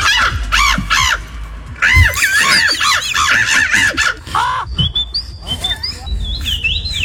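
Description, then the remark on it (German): A person mimics birdsong into a microphone at a bird-imitation championship judged by a jury, with a rapid run of shrill, warbling whistles and chirps, loud, shifting into high sustained trills toward the end. “Also, aber bei dieser Meisterschaft, da kommt wirklich einer nach dem anderen ans Mikro, macht einen Vogel nach und die Jury bewertet das dann.”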